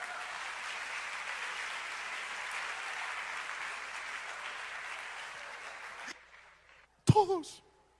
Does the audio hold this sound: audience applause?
yes